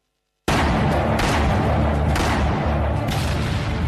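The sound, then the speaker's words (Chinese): After a brief silence, a loud, dense battle sound effect bursts in: a continuous roar of gunfire with heavy booming artillery blasts landing every second or so, unrelenting, with no voices. It represents the gunfire at Lugou Bridge on 7 July 1937. “1937年7月7日，卢沟桥的枪声震醒了沉睡的中华大地，全民族抗战的烽火就此点燃。”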